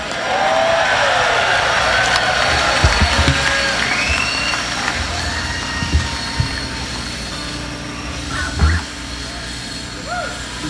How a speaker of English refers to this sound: All right. Train's here.